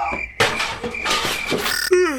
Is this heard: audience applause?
no